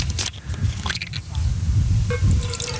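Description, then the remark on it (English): Water is poured into a container, a short splashing trickle over a low rumbling background, with some faint voices and handling noises mixed in. “I'm gonna put in some water.”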